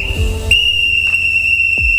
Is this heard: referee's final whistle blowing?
yes